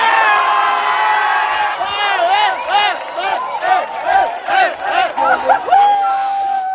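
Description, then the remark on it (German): Loud, dense crowd of football fans in Palma de Mallorca cheering just after midnight after the final whistle of the World Cup final Spain won 1:0 over Argentina, many voices shouting and whooping at once, rising and falling in excited waves, continuous, ending in a sustained high cry. “Ja, so klang das nach Abpfiff um kurz nach Mitternacht in Palma de Mallorca.”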